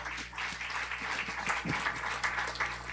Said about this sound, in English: Thank you. Give him a round of applause once more again.